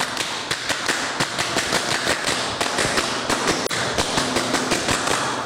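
A group claps together in a patterned rhythm, sharp crisp hand claps in quick bunched bursts with short pauses, the sequence running twice with no voices over it.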